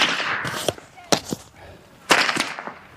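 A heavy steel jing whip (靖鞭) is cracked loudly several times by elderly men at Yangping Pass, China, at uneven intervals, each snap sharp, with a faint outdoor murmur between the strikes.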